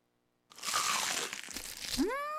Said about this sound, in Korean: 바삭해. 맛있는 60개 치킨. 크럼블을 입혀. 크런치하고. 크리스피하다.